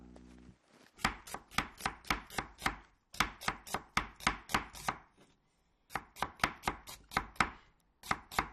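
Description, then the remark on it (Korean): A knife chops food on a board in quick, steady bursts of sharp taps, with short pauses between runs. The cutting is fairly loud and there is no talking. “아저씨 같은 경우에는 이렇게 생각하는데 엄마가 정엽이를 위해서 아침에 해주는 것 같은데 뭘 써는 소리 같지 않아?”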